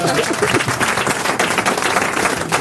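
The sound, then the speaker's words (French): An audience applauding guests Titoff and Huster steadily, a dense, even wash of many hands clapping at once, sustained and fairly loud for a few seconds without letting up. “Vous applaudissez qui, Titoff ou Huster?”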